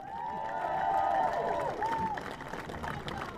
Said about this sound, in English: And there goes Dominic. Good appreciation by the crowd here now.